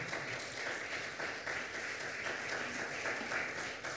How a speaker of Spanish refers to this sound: Un aplauso poderoso a Jesús, por favor.